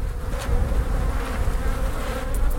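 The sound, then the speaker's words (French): A dense, steady hum of many honeybees buzzing on a frame almost covered with bees, in a 10-frame Dadant hive; a continuous low drone with a faint whine riding on top and no voices. “Alors là, le cadre est presque couvert d'abeilles.”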